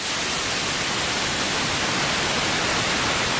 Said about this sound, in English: You've seen a prism breaking light into a rainbow of colors. Well, if you were able to do the same thing with white noise, what you'd get is a display of frequencies across the audible spectrum.